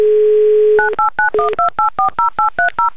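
A steady telephone dial tone gives way to a quick, rhythmic run of about a dozen loud dual-tone keypad beeps as a phone number in Moscow is dialed for a Humor FM radio game, with no talking.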